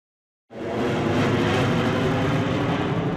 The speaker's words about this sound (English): Beneath the thundering racket of jets from Atlanta's busy airport nearby, the faithful make plenty of their own, more joyful noise at the 2010 Eucharistic Congress.